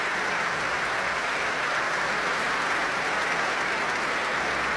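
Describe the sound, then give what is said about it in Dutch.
Sustained applause from a large audience for conductor Elim Chan before the Concertgebouw Orchestra plays the Dutch premiere of Noriko Koide's Swaddling Silk and Gossamer Rain, a dense, even patter of many hands clapping steadily at moderate volume throughout, with no voices standing out. “En daar klinkt het applaus voor Elim Chan.”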